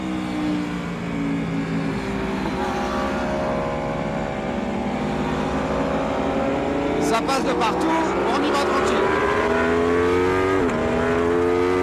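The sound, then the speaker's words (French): The V4 engine of an Aprilia racing motorcycle roars loudly throughout on a race circuit, its pitch climbing and dropping through repeated quickshifter gear changes, with sharp crackling bursts partway through and a man speaking over it. “Quel bruit, c'est génial le V4. Parce que oui, cet Aprilia, sa particularité c'est son moteur V4.”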